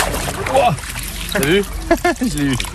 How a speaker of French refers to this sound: Là, on est du côté de Vic-le-Comte. Je remonte le ruisseau de Pignol en compagnie du personnel de la Fédération de pêche du Puy-de-Dôme.